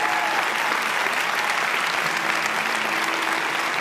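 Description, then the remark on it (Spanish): A church audience claps steadily for several seconds during a sermon, a dense, even wash of applause with no break and no talking over it. “Si vas a aplaudir, iglesia, hazlo con más ganas.”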